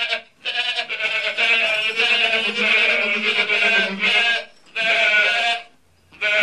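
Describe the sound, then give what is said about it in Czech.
Goats bleat loudly in long, wavering, nasal calls, several overlapping in a sustained chorus with a couple of brief pauses between bursts. “Kozy přivyklé pravidelnému dojení velmi trpěli.”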